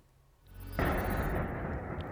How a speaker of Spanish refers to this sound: Van a ver el impacto en la pasada madrugada de un dron ruso contra el décimo piso de un bloque de viviendas en Rumanía.